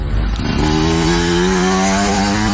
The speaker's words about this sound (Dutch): Die hebben we even opgenomen. Hoor je zometeen Jari Helligers met de motocross tijdens een nummer voorbij komen?